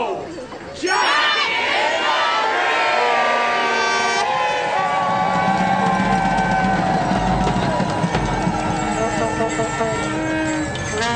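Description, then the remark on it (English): A loud, dense crowd of fans roars and shouts continuously, many overlapping voices blending into a sustained wall of noise that swells in after a brief quieter moment at the start, as green smoke from a flare envelops the crowd. “Green smoke from a flare escapes through the letterbox and envelops the crowd as the atmosphere intensifies.”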